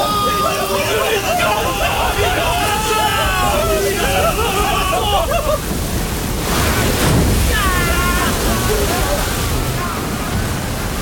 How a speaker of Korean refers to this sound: 그때 폭우가 거세게 쏟아지고 다시 거친 파도가 배전을 때렸다.